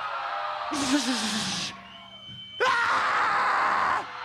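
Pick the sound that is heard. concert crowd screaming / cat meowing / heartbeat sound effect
concert crowd screaming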